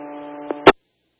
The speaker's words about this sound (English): copying static. Is there a unit with traffic?